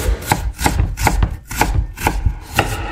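A knife chops garlic on a cutting board, about seven sharp, crisp knocks at a steady, unhurried pace, each a bright clack against the wood, with no voices.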